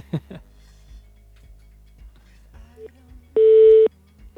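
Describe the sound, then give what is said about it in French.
A telephone busy signal on a phone call that fails to go through during a live broadcast: one loud, steady half-second beep tone stands out on an otherwise quiet line, preceded by a faint brief blip, soft clicks and a snatch of voice. “Ah, peut-être qu'on l'a au téléphone. On va y arriver.”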